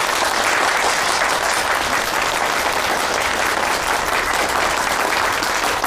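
Warm, steady applause from a crowd fills the whole stretch, a dense wash of many clapping hands at an even, loud level with no voices standing out.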